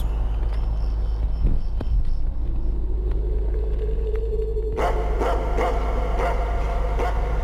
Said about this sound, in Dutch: Ik denk, ik laat die honden eerst eventjes tekeer gaan, want dan gaan ze tenminste niet door me heen.